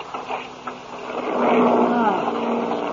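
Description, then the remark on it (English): Airplane engines drone and sputter unevenly as the plane runs into a storm, sounding like something is wrong; a rough, mid-pitched motor roar that swells louder halfway through and stays strong to the end, with no voices. “Hey, sounds like something's wrong. Huh? Listen to those motors.”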